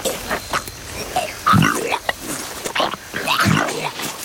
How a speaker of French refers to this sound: Qu'est-ce que tu fais? Ça se voit pas. Je régurgite la chèvre. Je dois m'alléger pour fuir.